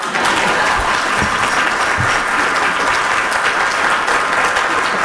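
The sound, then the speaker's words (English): A large crowd claps steadily and loudly for several seconds, a dense wash of overlapping hand claps with no pauses and no voices standing out, at an event celebrating 50 years of the organization Towards Employment. “That's when everybody clap.”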